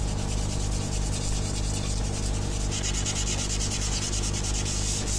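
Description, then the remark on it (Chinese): Steady, continuous sanding of wood while carving a small wooden deer, a dense rasping scrape with rhythmic back-and-forth strokes that grow brighter and harsher midway, holding an even loudness throughout with no voices. “想用木头做一头小鹿送给儿子。”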